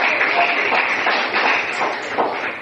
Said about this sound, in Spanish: Si lo cree, diga amén y aplauda fuerte al Señor.